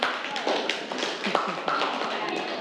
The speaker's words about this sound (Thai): เก่งมากปรบมือให้กลุ่ม5ค่ะ